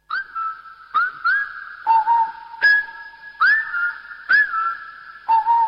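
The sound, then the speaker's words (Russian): A female whistles a simple tune alone, repeating the same melody someone else has just whistled; clear sustained notes shifting between a higher and a lower pitch, each phrase starting with a soft sharp attack, at a steady, moderate volume. “И она тоже засвистела. Очень тихо и ту же мелодию.”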